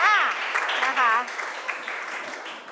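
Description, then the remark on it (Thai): An audience applauds a performance with dense, steady clapping, while a few voices and cheers ring out over it in the first moments and the clapping slowly thins toward the end. “ปรบมือด้วยค่ะนะคะ”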